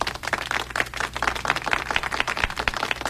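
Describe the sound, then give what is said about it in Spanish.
A single person applauds himself, clapping hands steadily for a few seconds, quick sharp claps in a fairly even rhythm, moderately loud, with a faint low hum underneath and no talking. “Se aplaude él mismo.”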